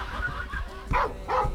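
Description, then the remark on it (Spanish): A dog barks twice, fairly loud, two short woofs about half a second apart with a low rumble in the background. “Eso, buen perro.”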